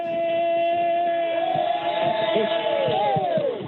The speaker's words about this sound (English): Jeez, Gerald, you got some crowd there? Yeah, we got a few people here supporting us